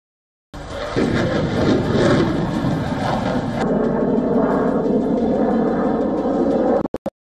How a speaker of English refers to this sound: afterburners ignite, and two contrasting technologies of modern air combat push their limits to achieve total dominance. For the first time in history, the Shenyang J-16 meets the Dassault Rafale in direct operation exercises.